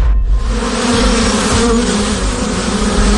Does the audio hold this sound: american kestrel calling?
no